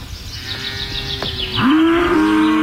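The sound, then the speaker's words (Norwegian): A cow at a summer dairy farm lets out one long, loud moo, starting after a quieter stretch of outdoor background and holding steady to the end. “Da ska kua komma da.”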